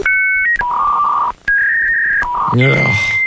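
A dial-up modem handshake while connecting to the internet: steady electronic tones stepping between pitches, a short gap, then a burst of warbling, sweeping chirps and hissing static, loud throughout.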